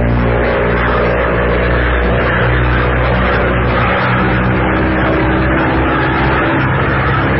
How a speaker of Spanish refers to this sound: El aparato se perdía entre los negros nubarrones. El viento huracanado se estrellaba contra los flancos de la avioneta, cimbrándola como si fuera a partirla en dos.